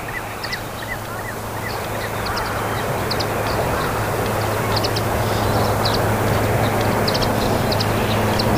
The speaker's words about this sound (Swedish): Så kommer det svanar, tre stycken. Lågt över vattenytan.